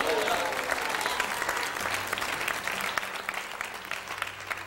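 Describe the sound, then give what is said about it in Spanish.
An audience claps together in sustained, dense applause given to God during a church sermon, holding steady at a strong level for several seconds, with a faint murmur of voices mixed into the clapping. “Denle un aplauso a Dios porque Él está vivo.”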